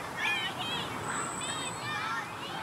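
High, excited shrieks and squeals from children at play in a park in Hamburg ring out repeatedly, carried over a steady outdoor background hum.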